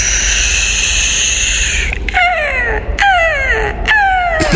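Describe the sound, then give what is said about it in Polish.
A seagull gives three loud, drawn-out descending cries in quick succession, each a harsh falling wail, preceded by a couple of seconds of steady, whistling background noise. “To jest mewa zamknięta.”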